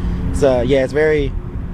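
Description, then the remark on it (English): A steady, low humming drone from a data center runs unbroken through the whole clip, with a person's voice briefly speaking over it in the middle. “Did you notice that drone at all when you were over here?”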